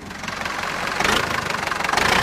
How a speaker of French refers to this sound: Et là, on entend le moteur d'un tracteur Renault, puisqu'il y a des gens de la Confédération Paysanne aussi.